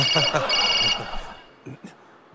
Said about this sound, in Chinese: 哦，手机。